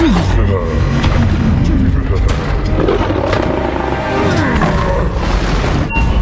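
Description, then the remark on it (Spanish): A heavy, sustained sonic boom rolls through, deep and loud, with a thick rumbling roar that fills the whole stretch while voices talk beneath it. “Detectamos explosión sónica.”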